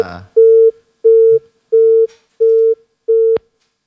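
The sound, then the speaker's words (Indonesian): A telephone busy tone on a regular phone line repeats five times in steady, evenly spaced loud beeps after the call is cut off, ending with a sharp click. “Ternyata terputus.”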